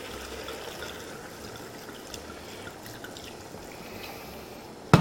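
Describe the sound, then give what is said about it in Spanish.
Wine pours steadily from a bottle into a cooking pot for several seconds, a continuous gurgling splash, ending with a sharp clink as the bottle is set down. No one speaks. “Bueno, primero vamos a gastar este vino que tenía aquí en esta botella. Y ahora le vamos a echar un poquito más.”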